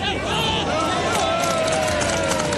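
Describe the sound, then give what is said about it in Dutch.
Spectators along the sidelines applaud Veenstra's first touch on the ball, a steady, dense patter of clapping blended with crowd murmur that stays at an even, moderate level throughout. “Nou, die aanname van Veenstra die kan op applaus rekenen van mensen langs de kant.”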